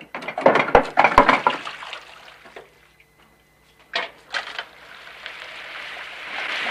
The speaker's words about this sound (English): Tom watches him dispassionately, while Hallie rushes over to a hand-action water pump and fills a metal bowl with cold water. The Pompey tops up with boiling water from the stove.